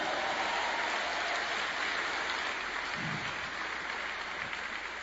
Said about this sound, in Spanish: Ese aplauso está bueno si es para mí, pero si es para Dios, hay que hacerlo mejor.